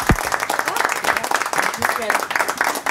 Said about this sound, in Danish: Ja, ja, det var et okay bifald.